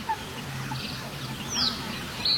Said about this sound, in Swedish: Sen är det ju en trastsångare som hörs på lite avstånd.